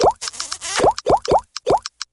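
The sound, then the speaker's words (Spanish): A string of cell phone notification tones for text messages with emojis: about five quick, bubbly pops that rise in pitch, arriving in an uneven rhythm and mixed with small high clicks, with no voices. “Para unos, el amor puede tener el sonido de mensajitos con emojis al celular.”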